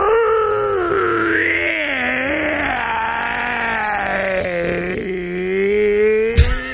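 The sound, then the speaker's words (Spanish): A person imitates the hoarse, wolf-like howl of a hairy, bear-like creature, one long strained and gravelly wail that rises and slowly falls over several seconds, loud, ending in a brief sharp click. “Hacía un aullido como si fuera un lobo. ¿Cómo? Pero un lobo ronco, así como con problemas en la garganta.”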